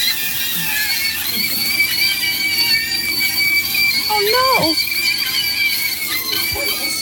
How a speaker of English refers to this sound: This is not a new sound for me. I've made many a sausage scream. What do you mean by that? Wow. No, really. No, you put them in the pan and they contract and do their thing. And And they scream.